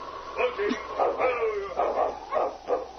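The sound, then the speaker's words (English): A sled dog team barks and yips excitedly, several sharp overlapping barks coming in quick bursts roughly every half second, moderately loud. “look, a dog team.”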